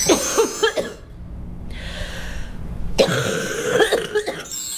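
A wet, phlegmy cough bursts out in a few harsh, rattling coughs, then a brief pause with a raspy breath, followed by another cluster of congested, productive coughs, loud; a cough with sticky phlegm in the airway, an example of lung-heat phlegm.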